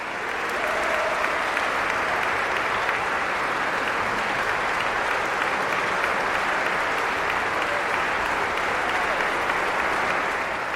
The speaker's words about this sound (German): Das Publikum in der Thomaskirche applaudierte am 18. Juni dem Dirigenten Martin Haselböck, dem Orchester Wiener Akademie und den Sängerinnen und Sängern.